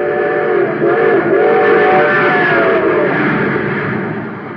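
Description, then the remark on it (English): The Terra Express train from a Space Patrol story races along at speed, supercharged with super fuel: a loud, steady, dense roar with high whistling, shrieking tones layered over it and slightly wavering in pitch, easing off a little at the end. “But now listen to that same train with super fuel in its tank.”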